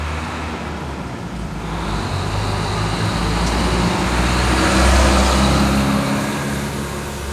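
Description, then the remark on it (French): Continuous roar of busy street traffic in Belém, cars and heavier vehicles rumbling past, swelling slightly toward the middle with a steady low engine drone and no voices. “Maintenant, il y a carrément des embouteillages à Belém.”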